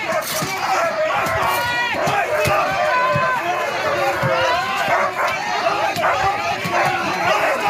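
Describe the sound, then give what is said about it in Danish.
Dogs bark repeatedly and excitedly amid a loud, chaotic crowd during a police action against demonstrators blocking the entrance of the Maersk building, with police using batons, shouting voices and general commotion throughout. “Ja, man kunne se på klippet, at politiet brugte knibler, der var gøende hunde, og det handlede om at få de her demonstranter væk.”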